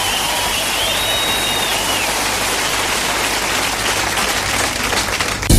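Loud, steady audience applause, a dense wash of clapping that holds at the same level for several seconds with no talking, while a thin high whistle rises briefly near the start.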